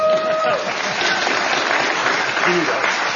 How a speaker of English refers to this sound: That was sure to get an applause.